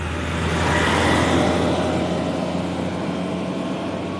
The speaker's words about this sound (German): Müllauto von Selvina.